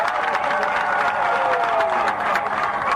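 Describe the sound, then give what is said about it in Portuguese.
A crowd applauds steadily for cultural dance groups that have just danced, dense clapping mixed with cheers and shouts, loud and sustained throughout with no pauses. “Quero pedir uma grande salva de palmas para eles.”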